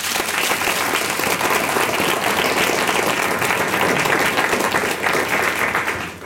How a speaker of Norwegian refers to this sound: Applaus for panelet.